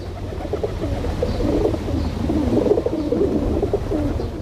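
Feral pigeons coo steadily in a low, throaty murmur, several birds overlapping in soft repeated phrases over a constant background rumble.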